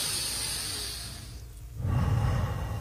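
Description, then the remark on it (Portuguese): A long, airy inhale, a brief pause, then a fuller, rougher exhale as part of a slow deep-breathing exercise. No one speaks. “Os dois estão respirando direitinho.”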